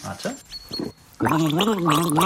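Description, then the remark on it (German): A person gargles a song for a song-guessing game, the bubbling throat sound carrying a wavering melodic pitch that rises and falls. A couple of short gurgles come first, then a longer, louder sustained stretch. “Also ich gurgel dir einen Song und du musst erkennen, welcher es ist, ja?”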